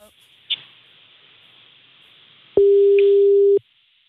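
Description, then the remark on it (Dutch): A phone line's busy tone heard during a radio broadcast: one loud, steady, low-pitched beep lasting about a second, following a stretch of faint line hiss and a soft click. “We zitten nu zeg maar met het hele land zitten we naar een overgangstoon.”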